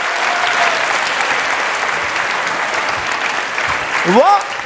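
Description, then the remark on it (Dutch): A crowd claps steadily throughout, a dense, even wash of applause at a strong level, with a brief rising vocal whoop or cheer near the end, applauding after Herbert Vlak is introduced. “Klappen.”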